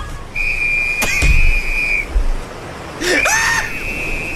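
A shrill life-jacket whistle is blown in two long, steady, loud blasts, with a brief harsh cry breaking in near the start of each blast.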